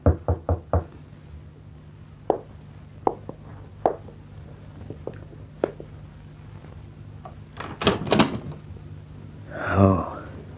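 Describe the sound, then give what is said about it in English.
Four quick, sharp knocks on a wooden door ring out, followed by scattered softer taps and a clattering rattle, then a brief breathy vocal sound near the end. “When that knock came at the door, Bill Maddox tensed.”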